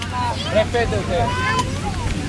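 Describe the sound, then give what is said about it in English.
A busy, crowded pier on the tiny island of Tabarca: a crowd murmurs continuously, overlapping voices blending into a steady babble, with a low engine drone from boats and faint wind and lapping water underneath. “The pier is very crowded.”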